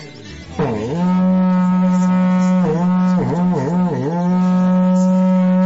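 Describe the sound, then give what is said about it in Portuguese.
A berrante cattle horn is blown in one long, loud, sustained blast, its low steady tone broken by several quick wavering dips in pitch partway through. No one talks over it. “toca o berrante pra eu ir trabalhar.”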